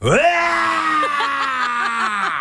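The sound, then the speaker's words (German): A voice imitates a manual-transmission car pulling off badly, driven by someone who cannot drive a manual; a sustained strained engine-like drone that rises sharply at the start, then holds with a stuttering, jerky wobble for about two seconds. “der kann keinen Schaltwagen fahren. Und dann, wenn er losfährt, klingt es ungefähr so.”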